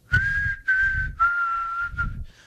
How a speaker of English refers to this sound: That's a pretty good whistle, by the way. I can't remember the name of the song. That's a pretty good whistle, by the way. It's a popular song, though.